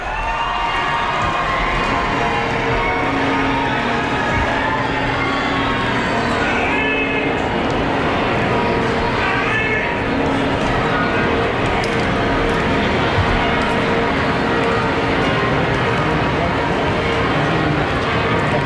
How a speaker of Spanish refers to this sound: Las campanas de la Catedral de Barcelona y ahora repicando.